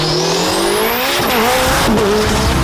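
Race cars roar loudly past, engines whining and rising in pitch as they accelerate, with a brief tire squeal; no voices. Cars of a FIA European Championship motor racing event in Ilirska Bistrica, Slovenia.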